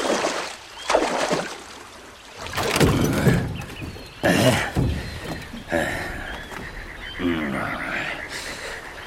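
Oars dip and splash in a steady rowing rhythm as a small boat is rowed across the water to the other bank, with frogs croaking in the background.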